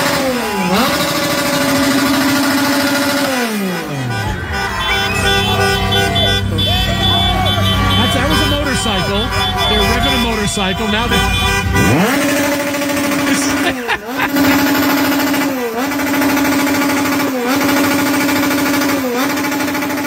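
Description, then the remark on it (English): A dense, loud chorus of car horns blares almost without pause outside a hotel, where Mexican fans are honking at the hotel of the Ecuador players; overlapping long beeps mixed with engine noise and a rough, rattling drone in the middle. “That sounds like what you expect to hear New Year's Eve at midnight with everybody beeping.”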